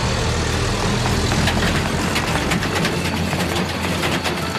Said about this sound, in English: They all climbed in, the engine roared to life, and soon the little rescue team was bouncing this way and that as the truck made its way along the bumpy road.